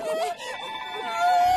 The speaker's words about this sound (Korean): 어? 이 소리는 도움을 요청하는 코끼리 소리? 알고 보니 사냥꾼 때문에 겁을 먹은 아기 코끼리가 있었어.